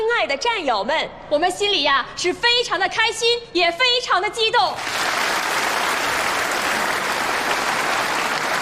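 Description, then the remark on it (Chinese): A voice speaks for a few seconds, then a large audience of military personnel breaks into sustained, loud applause at a performance by a military arts troupe, a dense wash of clapping that continues steadily to the end. “非常感谢大家的掌声。”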